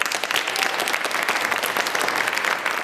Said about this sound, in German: Applaus für Navanitem Pillay. Die 85-jährige Juristin und Menschenrechtlerin betritt den historischen Gerichtssaal 600 im Nürnberger Justizpalast.